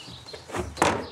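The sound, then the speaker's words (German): Ruby the rabbit leaps out of a transport box into a stall with other rabbits, with a short scrabble and a hollow clatter, then quiet. No one is speaking. “Mit einem Satz hüpft Ruby zu ihren Artgenossen.”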